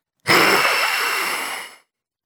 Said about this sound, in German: Hinter dem Fenster sieht Jule einen riesigen Schatten. Dann hört sie ein wildes Fauchen.